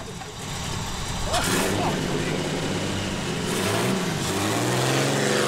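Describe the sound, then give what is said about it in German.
A car engine runs steadily, then revs up and accelerates as the car pulls away in sunshine to park behind a Beetle, its pitch climbing toward the end. Faint voices may be mixed in beneath the engine. “Ist das nicht kalt bei euch im Auto, Männer?”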